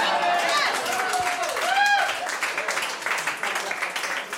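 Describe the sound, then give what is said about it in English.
Loud, steady audience applause for the mention of a business called Tom Raper RVs fills the whole stretch, dense clapping with a few whoops and a rising whistle-like cheer early on, easing slightly toward the end. “I just want to point out, you guys all applauded for Tom Raper RVs.”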